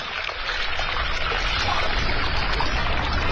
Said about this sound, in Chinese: 水源的地方就是这样，这么小很小的一条小溪，无数个小溪